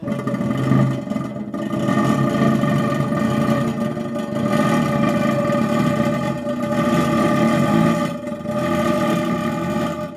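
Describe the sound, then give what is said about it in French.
An intonarumori crackler (Crépitateur), one of Luigi Russolo's noise instruments, produces a loud, continuous mechanical drone, buzzing and grinding like an engine, with rich harmonic tones and a few brief dips in intensity; no one speaks. “extrait des exemples sonores de Intano Rumori de Luigi Russolo. Très sérieux d'ailleurs, ces bruits du monde qui nous entoure”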